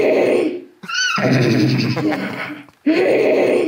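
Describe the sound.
Two voices imitate a horse's whinny, loud, with strained, wavering neighing bursts and a short break before another whinnying cry starts up.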